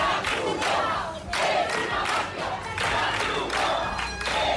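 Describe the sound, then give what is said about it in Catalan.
A crowd of protesters shouts slogans such as "The Red Cross is a mafia" in loud, rhythmic bursts, many voices chanting together in repeated waves with brief dips between phrases, as they try to stop food being handed out to migrants. “La Creu Roja és una màfia, cridaven alguns dels manifestants que ahir van intentar impedir el repartiment de menjar i que hi van intentar fins i tot desallotjar els migrants que segueixen malvivint a les platges.”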